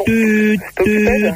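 Two steady, buzzy tones about half a second each, separated by a short gap, like a telephone busy signal; the harmonic, voice-like quality suggests someone imitating it.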